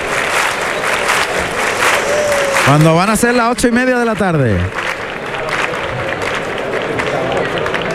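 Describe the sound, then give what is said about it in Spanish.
A large crowd at a bullfight claps steadily and loudly throughout in rhythmic palmas choqueras, a dense rhythmic patter of many hands, while a man's voice speaks briefly over it in the middle. “Las palmas choqueras.”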